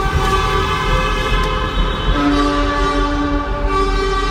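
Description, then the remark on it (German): Car and truck horns blare together in the Huttrop tunnel on the A52 in Essen, Germany, during walking-pace traffic: a loud, continuous chorus of several overlapping steady tones at different pitches, with another horn joining partway through. No one speaks. “Einer hat angefangen, der nächste hat mitgemacht. Es war ein wunderschönes Hubkonzert.”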